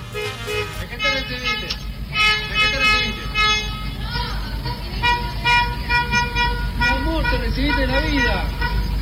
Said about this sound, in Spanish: ¿Te ha tocado ver estos automóviles que van tocando el claxon? ¿De esto? ¿Las calles, así, de que alguien terminó la quimio?